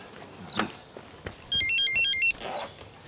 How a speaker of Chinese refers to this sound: 哎，我儿媳妇也打电话来了。